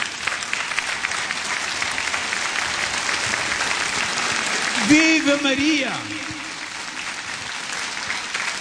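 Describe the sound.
A crowd at a diocesan prayer gathering applauds in honour of Mary, the Mother of Jesus, a dense, even clatter of clapping throughout, while around the middle a voice cries out a short cheer over it before the applause eases slightly.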